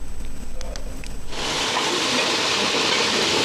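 A wok bursts into a loud, steady sizzle as food hits the hot pan in a neighborhood community kitchen in Gongrencun, Jinniu District, Chengdu, where home-style Sichuan dishes are stir-fried; a hissing roar that follows a brief stretch of low kitchen rumble and clatter and holds unbroken to the end.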